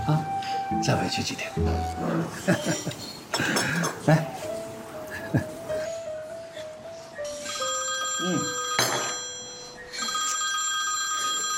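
A telephone rings with a steady electronic tone that holds for several seconds, following a burst of jumbled, clattering sounds at the start.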